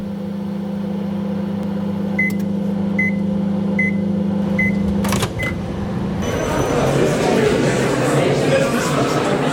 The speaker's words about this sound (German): Ich stehe vor der Mikrowelle und warte auf meine Popcorn.